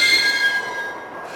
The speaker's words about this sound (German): Sie war nicht abgeschlossen, sondern nur durch drei ungewöhnlich starke Riegel gesichert. Ich öffnete die Tür.